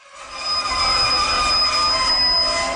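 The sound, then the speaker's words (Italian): A train rolling to a halt at the small station of Maienfeld in Switzerland, its wheels letting out a sustained high metallic squeal over a low rumble, loud throughout, with no voices. “Quando il treno si ferma alla piccola stazione, il capotreno grida «Maienfeld!».”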